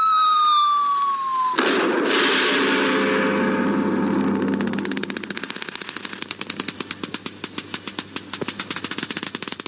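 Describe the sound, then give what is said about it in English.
A falling whistle gives way to a sudden loud nuclear test explosion, the 169th since Hiroshima, followed by a sustained rumbling roar and then a dense, rapid crackling that continues to the end, with no voices. “Another nuclear test explosion.”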